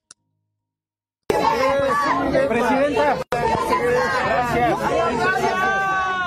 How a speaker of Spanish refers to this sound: La gente estaba gritando IMSS-Bienestar, IMSS-Bienestar. Presidenta, ¿para cuándo el IMSS-Bienestar en Aguascalientes?